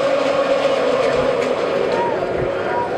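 A postseason baseball crowd at Truist Park roars during a night game, with the Phillies batting in the top of the first inning, in a steady, dense wash of noise that holds at full volume throughout, with many voices blending together and no single voice standing out.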